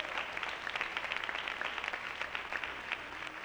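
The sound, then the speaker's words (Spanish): An audience applauds for the Lord steadily for a few seconds, many hands clapping in a dense, continuous patter at a fairly even level, with no voices standing out. “Le da un aplauso al Señor, aleluya.”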